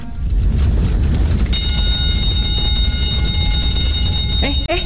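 A steady, high-pitched electronic fire alarm tone from a fire drill simulation starts about a third of the way in and holds unbroken to the end, over a loud, constant low rumble of background noise.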